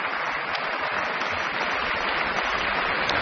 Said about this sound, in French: La jeune violoniste revient saluer sur le plateau de la grande salle Pierre Boulez. Très applaudie aussi par la chef qui la suit, sortant de la coulisse.